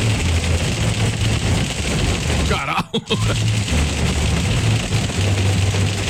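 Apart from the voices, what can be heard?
hail falling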